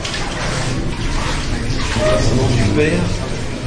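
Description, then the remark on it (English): Water sloshes and splashes steadily as a pilgrim, helped by four volunteers, steps into a stone bath of cold mountain water, with murmuring voices mixed in. “and then I'm allowed to stand in a corner while, with the help of four volunteers, he steps into a stone bath.”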